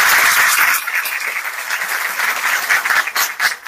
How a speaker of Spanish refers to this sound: Así que felicidades a la UNAE, quiero pedir un aplauso para la UNAE.